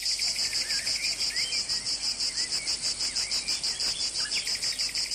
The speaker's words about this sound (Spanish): que vamos a escuchar el sonido de la cigarra.